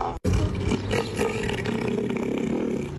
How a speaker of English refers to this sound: He also enjoys naps, property damage, and not to get personal, but he weighs approximately 1,000 kilograms. Neil is a southern elephant seal who is causing absolute chaos in the Apple Isle. Here are some highlights of Neil's tour of Tassie this week.